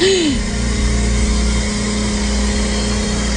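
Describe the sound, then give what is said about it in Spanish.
A blender motor runs loudly and steadily, a constant low droning whir with a buzzing hiss over it, opening with a brief whine that bends upward then falls away. “Miren, lo voy a poner, usted va a escuchar una licuadora, evidentemente.”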